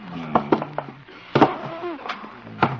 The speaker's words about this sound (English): Never know when the Hummer will try to come in here. Better barricade the door. First the desk.